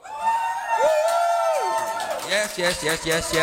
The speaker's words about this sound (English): Yes. That's actual people. We don't have a rented crowd. We're coming to you live from our teeny tiny studio here at Afrikaman headquarters in Cape Town.